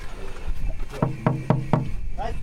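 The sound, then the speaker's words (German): Four firm, evenly spaced, hollow-sounding knocks on the door of a Harz narrow-gauge railway (Harzer Schmalspurbahn) train, over a low background hum, with a brief faint voice just afterward. “Müssen wir vielleicht mal hier klopfen?”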